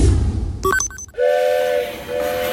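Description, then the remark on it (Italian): A rumbling train with a few short clanking chimes, then a long, steady, loud steam whistle that holds to the end, with no talking. “Perdere il treno.”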